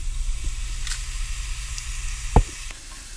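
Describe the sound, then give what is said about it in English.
Ghee sizzles steadily in a pan as it warms up, small bubbles forming at the bottom when it is ready: a continuous crackling hiss with a low hum underneath and a sharp tap or clink near the end. No one speaks. “The ghee has started warming up. You can see small bubbles coming at the bottom, so you know the ghee is ready.”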